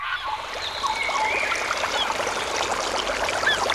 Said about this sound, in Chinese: 溪流，森林，草原，大海。